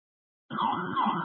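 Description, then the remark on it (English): After a brief silence, an emergency siren wails in the background of a crew's transmission over a noisy dispatch radio channel as they head to Hamilton Park, its tone rising and falling steadily over a low rumble for the rest of the moment. “All I hear is the sirens in the back.”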